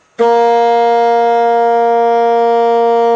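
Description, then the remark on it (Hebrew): A saxophone sounds one steady, sustained note with a bright, reedy tone, starting abruptly and holding loud and unwavering for about three seconds with no other sounds. “עד עכשיו הסקסופון שלנו מפיק רק צליל אחד, צליל שתלוי באורכו של הצינור.”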